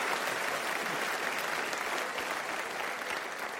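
Steady applause from a live audience, many hands clapping at once in a dense, continuous wash that holds at an even loudness throughout, with no voices standing out.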